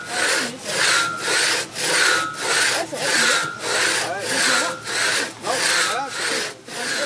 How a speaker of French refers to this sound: qui nous fait faire des rondelles de bois avec une scie à l'ancienne où tu peux tirer à deux. Voilà, un passe-partout, exactement.